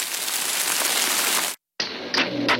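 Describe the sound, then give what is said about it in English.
Steady, dense rain hisses evenly for a moment, cuts to brief silence, then resumes with a brighter patter of drops striking a surface. The rain is falling on the west side of Buffalo, in Western New York. “Listen to sounds of Western New York and Southern Ontario, like local waterfalls or rain falling on the west side of Buffalo.”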